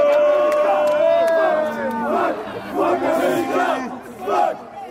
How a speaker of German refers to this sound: Trotzdem in Minute 31 der Ausgleich durch einen abgefälschten Freistoß von Malik Tillman unter den belgischen Fans macht sich hörbarer Unmut breit.